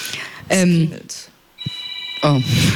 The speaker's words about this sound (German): Oh, ist nur ein Telefon hier im Raum, alles gut.